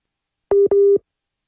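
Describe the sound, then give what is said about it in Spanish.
A phone busy tone from a failed WhatsApp call during a Caracol Radio broadcast: two short, steady electronic beeps in quick succession, fairly loud and clear, with silence before and after and no voices. “Tenemos a Jenny por WhatsApp y eso nos genera algunos problemas de conexión, pero ya vamos a intentar restablecer la comunicación”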